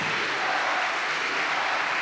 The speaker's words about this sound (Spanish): Pues fuerte el aplauso a Cristo, mis hermanos.